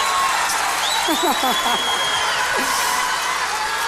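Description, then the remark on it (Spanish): A large audience at the Auditorio Nacional applauds in a steady, dense wash of clapping that holds loud throughout, with scattered voices and short shouts rising over it. “mira cómo te aplauden aquí en el Auditorio Nacional.”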